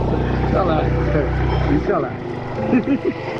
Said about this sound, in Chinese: 这个做活的工人，哦，摩托车出不起来，上不去了。 啊，上不去了，我们，我们上不去了。